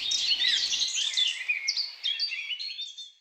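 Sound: birdsong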